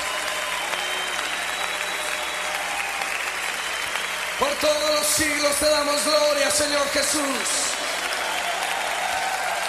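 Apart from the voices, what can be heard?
audience applauding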